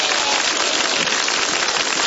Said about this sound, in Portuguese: Isso, dá uma salva de palmas, vamos lá, bem bonito para Jesus, vamos lá.